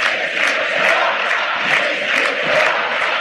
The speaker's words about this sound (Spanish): Y están haciendo como un círculo a Messi, los jugadores argentinos. Messi no se va, grita la gente.